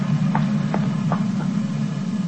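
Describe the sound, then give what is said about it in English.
A commuter train rumbles across a bridge, a steady, heavy low drone with four evenly spaced clacks of wheels over rail joints sounding through it, no voices. “It's just a commuting train that passes over the bridge out there.”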